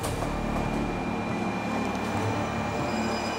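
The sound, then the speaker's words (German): A Shinkansen high-speed train of the Japanese railway gives off a steady, loud rumble with a constant electric hum and faint whine on top, unbroken for the whole stretch, with no voices. “Das Wort steht sowohl für die Strecken als auch für die Züge.”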